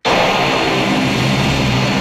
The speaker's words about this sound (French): Les avions ne seront pas pour l'instant plus nombreux à décoller depuis le bord du lac à Toronto.